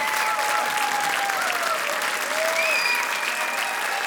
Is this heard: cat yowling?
no